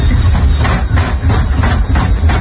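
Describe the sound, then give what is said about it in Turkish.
A noisy washing machine runs loudly, with a heavy, steady low rumble and rhythmic whooshing, clattering pulses repeating about three times a second. No one speaks. “Senin de çamaşır makinen böyle sesler çıkarıyorsa vedalaşma zamanı geldi.”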